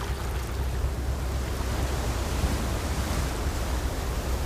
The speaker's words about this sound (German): Der Wind ist kühl, die Gischt salzig.